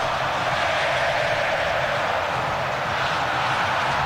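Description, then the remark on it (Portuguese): A dense, continuous roar of Flamengo fans in a stadium during a football match against Bragantino, steady and loud throughout with a broad wash of many voices cheering and chanting, no single voice standing out. “torcida do Mengão, não para, escuta só, bom de bola.”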